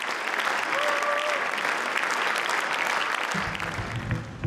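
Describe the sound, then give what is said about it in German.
A large audience claps steadily in a dense, sustained wash of applause at the end of the season, and a man's voice begins speaking over the clapping near the end. “Am Ende der Saison gibt's Applaus für die Bilanz.”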